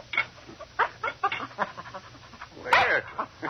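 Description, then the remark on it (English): A small mongrel dog named Snapper, sitting beside a man's chair at breakfast in a small cabin about 4 miles outside Star City, whimpers in a string of short, high, pleading whines with soft breathy panting between them, begging to share the breakfast, ending in one louder, drawn-out whine. “A small mongrel dog sat beside his chair, looking at him expectantly.”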